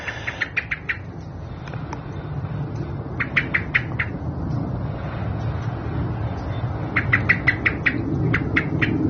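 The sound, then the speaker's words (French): A European robin gives sharp tic-tic calls in quick bursts of five or six dry, high clicks, repeated three times over a steady low rumble of wind or water. “et le tic-tic du couche-gorge à côté.”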